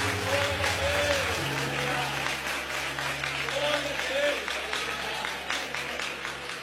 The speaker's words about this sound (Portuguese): Aplauda o Senhor Jesus.